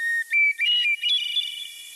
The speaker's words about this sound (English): Many people would tell you that hearing bird song, like the one from this hermit thrush, puts them in a good mood.